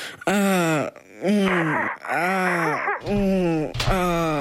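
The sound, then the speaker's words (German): A voice imitates the moaning of people having sex with four long, drawn-out vocal moans, each rising then sliding down in pitch, loud and voiced, separated by brief breaths or gasps. “Naja, wie soll sich das anhören? Ungefähr so.”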